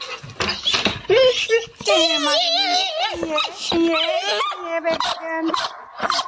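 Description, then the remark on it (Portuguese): A dog whimpers and whines in high, wavering cries, broken by short sharp yips and barks, fairly loud, going on without pause for several seconds. “Este chitex dos cães é lindo.”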